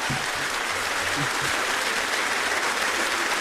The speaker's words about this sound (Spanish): No, pues le damos un fuerte aplauso.